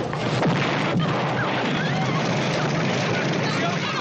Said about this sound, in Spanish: El beso se interrumpe dramáticamente por el estallido de la bomba.